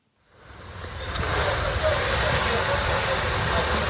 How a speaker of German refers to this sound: Ein Feuerwehrmann schreitet im Morgengrauen über ein verkohltes Gelände. Seine Kollegen löschen letzte lodernde Flammen. Einsätze wie diese sind in der Ukraine Routine, so wie hier in einem Gewerbegebiet im Süden Kiews.